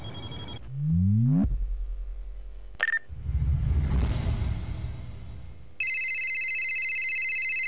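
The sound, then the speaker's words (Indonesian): An electronic telephone ringtone sounds steadily and fairly loudly near the end, after a brief beep, swooping sweeps and a rumbling whoosh. No one speaks. “tumben telepon. Ada apa nih?”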